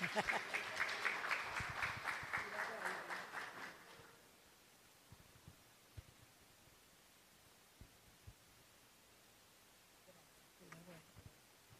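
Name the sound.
audience applause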